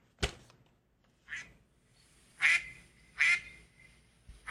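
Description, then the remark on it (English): A duck call sounds a series of loud, nasal quacks, roughly four spaced bursts over a few seconds, clear with no talking. “That would be the duck call.”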